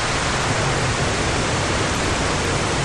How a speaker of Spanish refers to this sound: El sonido del agua es para muchos viajeros el sonido de la vida, el sonido de reencontrarse quizás con otros grupos humanos.